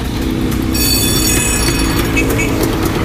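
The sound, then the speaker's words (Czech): A tram-style bell fitted on a historic Czechoslovak scooter rings with bright, sustained metallic tones over a loud, steady low engine rumble during a scooter rally ride near Kutná Hora in central Bohemia, Czech Republic, the ringing starting after a moment and carrying on to the end. “I když by se podle zvonění mohlo zdát, že spanilá jízda vede ulicemi Prahy či jiného města, kde jezdí tramvaje, tak ve skutečnosti jsme kousek od Kutné hory.”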